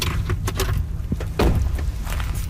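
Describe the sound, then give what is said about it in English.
The front door of a house up a mountain on the east coast of Vancouver Island opens on a rainy day as a woman welcomes visitors: a few sharp clicks and knocks, then a heavier thud and a brief swishing rustle, over a steady low rumbling background. No one speaks. “A woman in her 30s, dressed casually in stretchy black pants and a cardigan, welcomes us at the door.”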